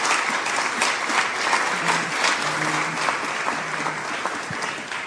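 Steady, sustained applause from a crowd welcoming the Minister for Institutional Reforms and Regulatory Simplification, Maria Elisabetta Alberti Casellati: a dense wash of many hands clapping at a constant loudness for the whole stretch, with a faint low tonal hum underneath and no speech.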